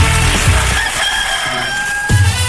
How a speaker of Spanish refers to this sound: Oye, ¿sabe? Habíamos guardado al gallo, pero lo vamos a ir a buscar.